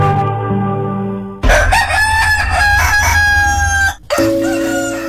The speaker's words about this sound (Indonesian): Tahukah Anda mengapa ayam berkokok di pagi hari? Ayam jantan memiliki jam biologis yang mengatur waktu berkokok secara konsisten. Ayam jantan akan berkokok di waktu fajar meskipun cuaca mendung atau berada di dalam ruangan.